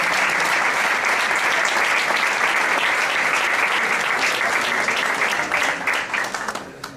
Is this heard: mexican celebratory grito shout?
no